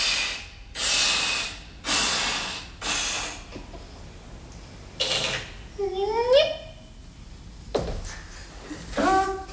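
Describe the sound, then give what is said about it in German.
A man blows up a balloon with four strong, rhythmic puffs of breath, then rubber squeaks and squeals as air escapes, followed by a few more breathy blows and squeaks. Fairly loud. “Er bläst den Luftballon auf.”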